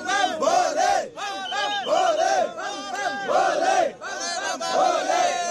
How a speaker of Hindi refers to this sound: बम बम भोले के जयकारों के साथ तीर्थयात्रियों का पहला जत्था 2 जुलाई को जम्मू बेस कैंप से रवाना किया जाएगा।